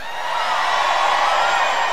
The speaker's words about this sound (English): How are we doing up front here? All you guys right here, good? How about way in the back on the hill? Let me hear you scream! Oh, come on, back there, you can do better. Scream, 3, 2, 1!